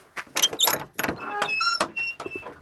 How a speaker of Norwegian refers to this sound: Men så har du, kan ikke du åpne denne døra her, da?